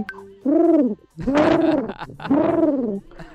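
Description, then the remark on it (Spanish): A voice imitates a seagull's call with three loud, drawn-out wailing cries in close succession, each rising then falling in pitch, with short pauses between them. “Y la gaviota, cuando se asoma, le hace así.”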